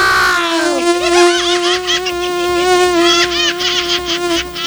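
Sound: mosquito buzzing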